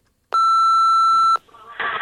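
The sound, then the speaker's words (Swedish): A single loud, steady electronic beep from a radio show's answering machine holds for about a second, then cuts off into faint line noise and a rising burst of hiss. “Och så här låter det i telefonsvararen.”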